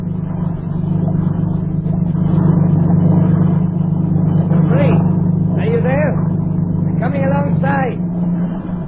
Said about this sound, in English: And just in case you might start talking when that motorboat comes alongside, I'll put this gag in your mouth.